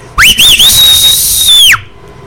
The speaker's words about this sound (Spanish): écheles un fuerte chiflido para que despierten y pongan bien los garos.